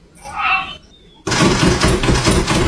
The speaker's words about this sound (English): Listen to the end here. When I say he speed bags that door handle, he really does.